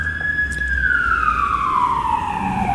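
A loud ambulance siren sweeps past, its steady wail sliding lower in pitch as it moves away, over a low rumble of traffic, with no voices.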